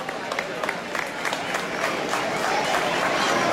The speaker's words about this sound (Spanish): Por favor, si podéis ir subiendo. Un fuerte aplauso para todos. Un fuerte aplauso para ellos, por favor.